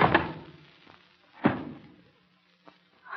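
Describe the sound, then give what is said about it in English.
A heavy candlestick strikes a man's head in two loud, dull thuds about a second apart, then a faint knock follows in the quiet that comes after. No one speaks. “Hit him so hard. Candlestick heavy in my hand.”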